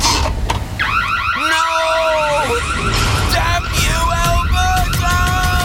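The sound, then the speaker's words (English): An Alberta home security system alarm blares loudly, its electronic tone sweeping upward and then holding in steady, repeated beeping pulses over a constant rough background noise. “The police have reported a significant decrease in break-ins this week, and Smooth Sam seems to have met his match, an Alberta home security system.”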